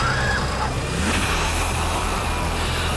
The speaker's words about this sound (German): Und was wir da hören, ist eine Art Wasserschlacht. Denn ausnahmsweise hat die Feuerwehr mal am dortigen Bildungszentrum hunderte Schüler und auch Lehrer abgekühlt.